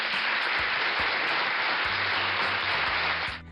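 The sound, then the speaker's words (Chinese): A burst of dense, steady applause, many hands clapping loudly for about three seconds before cutting off abruptly, with a faint low hum beneath the latter half. “好了，小故事说完了，最后的掌声是给从不愿意动脑筋变成了愿意动脑筋的小豚鼠哈，是送给他的一个改变和成长，对吧？”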